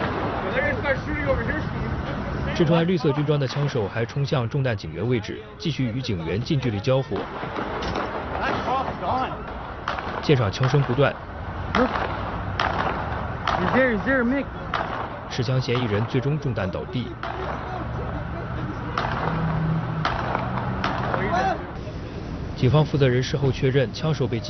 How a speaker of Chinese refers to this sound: 穿绿色军装的枪手还冲向中弹警员位置，继续与警员近距离交火。现场枪声不断。